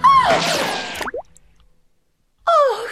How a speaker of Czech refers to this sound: Kule projela násilníkovou hlavou, až bluňkla do řeky.